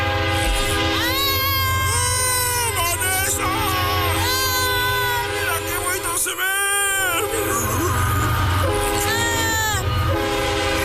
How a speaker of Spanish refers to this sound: ¡Ahí viene el tren!